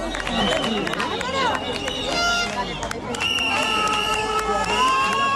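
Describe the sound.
A loud crowd cheers and shouts continuously as protesters return after burning shacks and settlements on a beach, many overlapping raised voices forming a dense roar, with sustained high-pitched whistles or cries rising above it in the second half.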